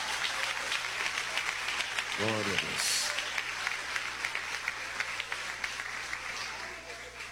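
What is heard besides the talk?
audience applauding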